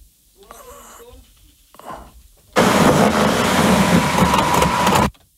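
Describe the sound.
A few faint voices murmur, then a car engine starts with a sudden loud, steady roar that holds for about two and a half seconds before cutting off abruptly.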